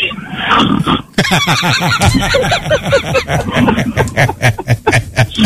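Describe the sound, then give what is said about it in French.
A person imitates a pig with a run of snorting oinks, mixed with snickering and laughter from others. “Et quand vous les cochons de payeurs, il faut bien vous faire le bruit du cochon à un moment donné.”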